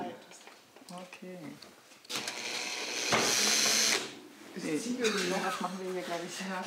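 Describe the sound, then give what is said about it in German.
A power drill whirs loudly for about two seconds while drilling a hole, a steady high motor whine, with people talking before and after it. “Wir wollten jetzt noch mal so ein Loch in der Ohren.”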